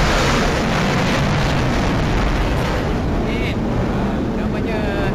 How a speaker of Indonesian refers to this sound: Baru saja berlalu kita punya pejuang, pesawat pejuang ATM kita Sukhoi yang telah melintasi di ruang udara kita atas tadi. Kalau dapat dengar tadi deruman enjin. Pendengar KLFM boleh dengar sekarang ni.